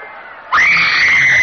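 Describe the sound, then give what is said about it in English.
A crowd screaming in battle carnage outside Priam's palace as the Greeks attack: after a low murmur of many voices, a sudden loud, sustained wall of high-pitched shrieks rises and holds steady. “In the palace, Priam listens to the carnage outside with growing alarm.”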